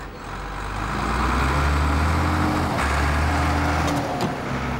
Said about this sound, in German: Oh, herrlich. Das Rauschen des Windes. Das ist nicht der Wind, das ist ein Bagger.